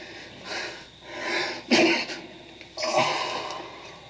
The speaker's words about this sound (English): You've been sneezing since you first came in. Yeah, I got a cold.